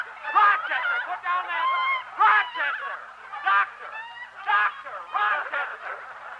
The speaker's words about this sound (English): Rochester, put down that chicken.